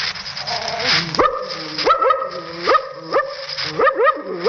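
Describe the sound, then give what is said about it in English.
A performer who plays dogs in scripts imitates a wary, suspicious dog with his voice, giving a run of five or six short, rising barks and yips at a steady pace, fairly loud. “A suspicious dog like this.”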